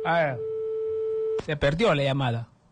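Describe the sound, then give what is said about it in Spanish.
A listener's call to a radio program is lost. A steady electronic telephone tone hums for about a second after a brief voice, then a person starts talking again over the line's silence. “Se perdió la llamada.”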